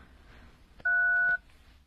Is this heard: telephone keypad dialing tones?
yes